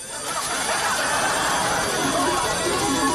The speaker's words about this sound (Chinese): 好消息是，酒吧里边的这个老虎机啊是老版本的。坏消息是，越小的地方，因为周围呢人不多，被发现的概率也就越大。因为老虎机一旦被这种作弊器通了电了，它也会发出非常欢快的中奖的声音。